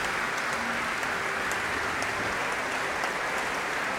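Steady applause from a large concert audience for the choir members of a sacred music performance, a dense continuous wash of clapping that holds at an even level for the whole stretch, with no voices standing out.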